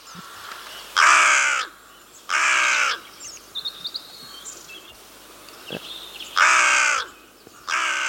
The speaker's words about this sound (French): Alors là, c'est ce qu'on appelle les notes en harmonique. Mmh. Donc je pense qu'ici, tout le monde a reconnu notre chère corneille noire.